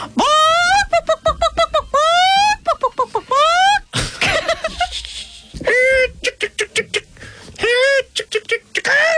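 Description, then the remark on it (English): A person on a radio show imitates a chicken with a long run of loud, rapid, rising clucks and squawks, their pitch swooping upward, broken by a brief pause and a shrill cackling burst. “Your best chicken call,”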